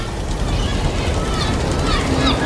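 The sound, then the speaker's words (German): A boat churns steadily across water, moving away from an island, a continuous rumbling wash of engine and spray that holds at a fairly even level without fading out over the short stretch. “Wir haben es geschafft. Das Boot bewegt sich. Die Insel liegt hinter uns.”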